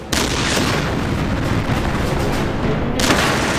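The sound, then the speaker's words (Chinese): A German tank blows up after being hit by a shell, in a sudden, loud blast that becomes a sustained roaring, crackling rumble, with a second burst surging in near the end. No voices are heard. “但是被我们的炮弹击中后，这辆德国坦克爆炸了。”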